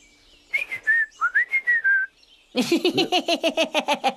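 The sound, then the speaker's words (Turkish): Someone whistles a wavering, warbling tune to call birds, then breaks into a rapid run of about a dozen bright, chirpy pulses. It is fairly loud and there is no talking. “Kuş çağıranım derken ablamı çağırdık.”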